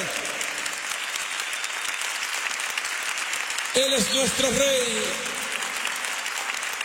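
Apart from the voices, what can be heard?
applause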